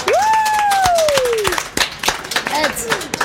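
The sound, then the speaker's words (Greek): Loud applause from a crowd gathered at a live radio broadcast at the Thessaloniki International Fair (ΔΕΘ), dense rapid clapping throughout, while a high, gliding voice-like whistle or cheer rises and falls over it and a second shorter whoop follows. “Λοιπόν, μιας και μαζευτήκατε όλοι εδώ και είμαστε στον αέρα, δεν ρίχνουμε ένα δυνατό χειροκρότημα”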